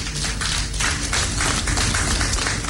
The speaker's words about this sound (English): I think as Ghanaians, we deserve to be really proud. And I think we deserve to give ourselves a round of applause.